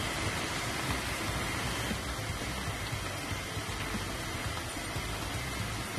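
Steady rain pours down in a jungle rainforest after dark, heard from a shelter, a dense, even hiss that fills the whole soundscape without letting up. There are no voices and no distinct drops or other sounds stand out.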